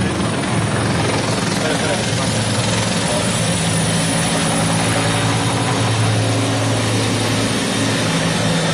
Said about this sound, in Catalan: El ministre que atura un moment la seva intervenció pel pas dels helicòpters, dels mitjans aèris, dels bombers, i ara de seguida la reprèn.